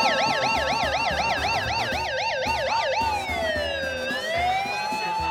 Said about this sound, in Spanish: ¡Ah, la alarma! Es que ando con el micrófono, ¿eh?